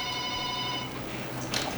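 A telephone ringing as a dropped phone line is dialed again, heard as a steady electronic tone that holds for about a second and then stops, leaving a low hiss and a brief faint rustle.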